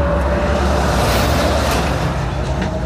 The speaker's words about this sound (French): Vu le camion, comment il est passé là?